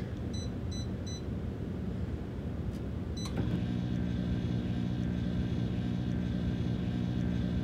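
A home microwave oven not used for food, firing a pot inside a little round kiln for 20 minutes at its highest level, beeps a few times as buttons are pressed, then clicks on and settles into a steady droning hum that runs without a break.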